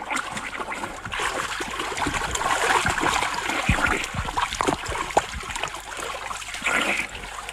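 Continuous water splashing and sloshing as a person swims through a river with steady strokes toward a man in a boat, moderately loud, with scattered sharper splats and no talking.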